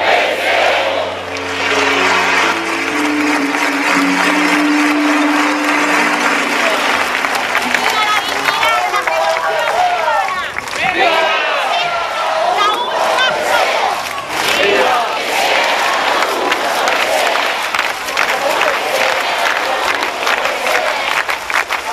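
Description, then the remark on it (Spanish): A large crowd at a rally in Cuba roars, shouting and cheering "¡Viva!" in a sustained, loud wave of voices with rhythmic chant-like bursts in response to calls of "¡Viva Cuba Libre!" and "¡Viva Fidel!", while low steady tones sound underneath at the start. “Con más fuerza que nunca, gritemos: ¡Viva Cuba Libre! ¡Viva!”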